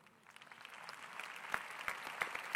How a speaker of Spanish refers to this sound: Ah, si es a Jesús, no está muy bueno el aplauso. Si es a Jesús, dáselo bien fuerte.